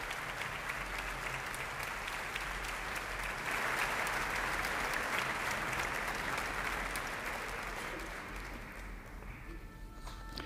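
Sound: concert hall applause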